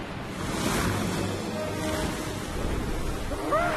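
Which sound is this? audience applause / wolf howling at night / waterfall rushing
waterfall rushing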